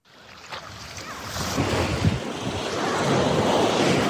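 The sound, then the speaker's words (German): Ocean waves roll steadily onto the beach of Busnica in Morocco, a broad continuous wash of surf that builds in loudness, with some wind rumble against the microphone and no voices. “Wellen rollen an den Strand von Busnica.”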